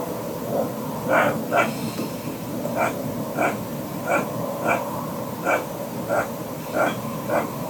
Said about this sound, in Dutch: Maar we hebben het even voorgelegd aan zoogdierexpert Jascha Dekker. En die denkt dat het misschien een ree is.